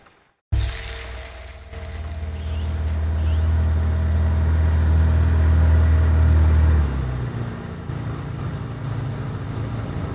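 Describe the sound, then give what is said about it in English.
An outboard motor on a smaller boat on a shallow river starts abruptly and runs with a loud, steady low drone, then drops to a quieter idle near the end. No one speaks. “Well, then we better take the outboard from here on.”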